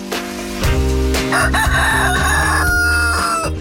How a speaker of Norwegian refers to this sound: Ja, hanen oppe.